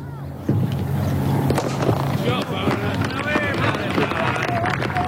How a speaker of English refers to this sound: That is, of course, the gentle sound of a cricket match being played in a quaint English village as Leather hits Willow. Well, these relaxed local matches played by amateurs are the staple of the summer across the countryside.